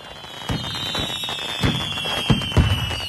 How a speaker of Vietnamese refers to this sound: Điểm nhấn của chương trình là màn trình diễn pháo hoa nghệ thuật kéo dài 15 phút. Những chùm pháo hoa tầm cao đan xen pháo hoa tầm thấp liên tục thắp sáng bầu trời Eo Gió, phản chiếu lung linh trên mặt biển, tạo nên khung cảnh mãn nhãn